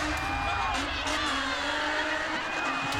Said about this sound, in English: The crowd losing their mind. I think the crowd might give him the vote for this one just for the sheer action that he's bringing.